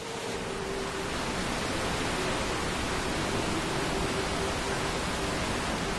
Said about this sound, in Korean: 약 50m 길이의 타피아 폭포입니다. 시원하게 쏟아지는 폭포수가 그간의 피로를 씻어줍니다.